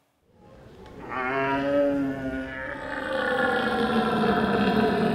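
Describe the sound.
At the North German deer-calling championships in Bolevik, a man imitates a red deer stag's roar: a deep, drawn-out bellow that starts after a brief silence, swells loudly with strong harmonics, then continues as a rough, sustained groaning call.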